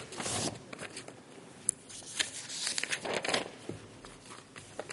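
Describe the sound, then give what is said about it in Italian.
Sheets of paper rustle and crumple, a busy run of crinkling and brief crackles and scrapes over about five seconds, with no one speaking. “Questa questione dei fogli è molto particolare.”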